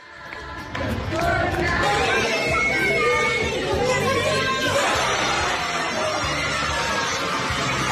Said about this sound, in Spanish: Muy lindo, los chicos de San Lorenzo recibiendo al arquero paraguayo.